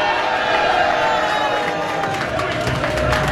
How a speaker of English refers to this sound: Those are the sounds of people cheering for Mexico's win over South Africa today. Close to 200 people gathered at the University of Utah to watch the opening game of the FIFA World Cup Series.